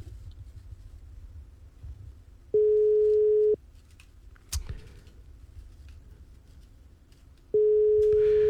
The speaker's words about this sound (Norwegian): Ja, nei, da stopper vi den. Da ikke de tar telefonen på 2-3 ring, da har de gått og lagt seg, tenker jeg.